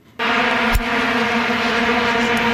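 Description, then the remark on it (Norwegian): A massed drone of vuvuzela horns in South Africa in 2010 blares steadily at one sustained buzzing pitch, loud and unbroken after a sudden start, with a brief thump partway through. “Vi må bli litt nostalgiske her, eller det vil si ikke alle blir nostalgiske av dette her, for i Sør-Afrika ble vi veldig godt kjent med lyden av vuvuzela i 2010.”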